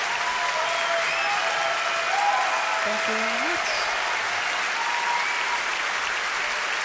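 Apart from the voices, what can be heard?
audience applause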